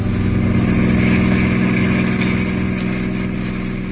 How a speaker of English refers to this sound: I went up to get him, and we were driving back in the car.